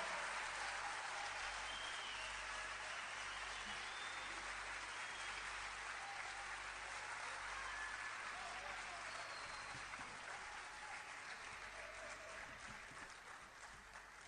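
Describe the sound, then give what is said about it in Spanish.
Sustained audience applause welcoming the evening's accompanying musicians, a dense wash of clapping that stays loud and steady for the whole stretch, easing only slightly near the end, with no voices standing out. “quisiéramos que recibiéramos también con un fuerte aplauso a Manuel, Cristian y Boris, los músicos que esta noche nos acompañan.”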